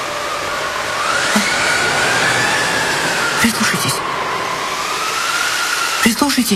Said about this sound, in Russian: Прислушайтесь. Слышите? Ну что, ну... Ветер воет.